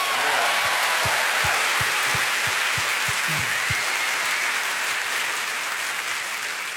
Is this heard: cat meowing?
no